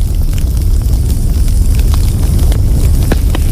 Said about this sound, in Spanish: Sonido de fuego crepitando para meditar y dormir profundamente. Ah, claro. Mira cuando se está quemando la... Tienes toda la razón, ¿eh? Tienes toda la razón, ese mismo. Oh, me va a quedar dormido. Es relajante.